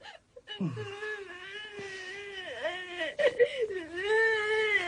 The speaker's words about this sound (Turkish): Ağlama ulan bir tane çarparım ha.